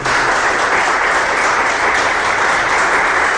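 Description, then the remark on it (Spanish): Loud, sustained applause for the Lord from a large crowd, a dense steady wash of clapping that fills the whole clip without letting up, with no distinct voices standing out. “Denle ese aplauso poderoso al Señor.”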